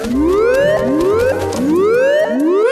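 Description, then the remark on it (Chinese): A bird's call mimicking the Octo-Alert siren: loud, repeated rising whoops, each sweeping upward in pitch roughly every half second, with no talking over it. “我的老天爷呀，有只鸟的声音听起来很像章鱼警报。”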